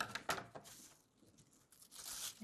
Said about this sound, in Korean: 세로폭 7cm와 9cm가 필요해서 손으로 재단을 하고 자르도록 하겠습니다.